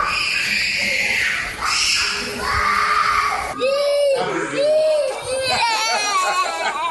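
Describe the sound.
Several young nursery-school children cry and scream at once in class on their first day, separated from their parents, loud, with wailing, wavering high-pitched sobs that rise and fall continuously, mixed with indistinct voices.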